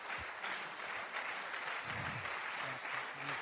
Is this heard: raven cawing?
no